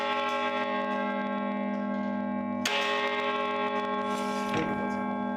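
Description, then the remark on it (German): Carillon bells of a collegiate church (Stiftskirche) in Kaiserslautern, Germany, a carillon of 47 bells, ring out continuously, their many sustained tones layering into a shimmering wash, with fresh strikes adding brighter accents partway through. No one speaks. “Die Stiftskirche hat sogar ein Carillon, ein Glockenspiel mit 47 Glocken.”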